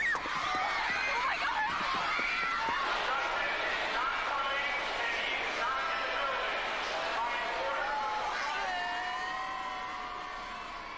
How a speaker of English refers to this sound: Chaos at Roosevelt Field Mall today. The crowd was so huge, local police are on hand trying to control this crowd.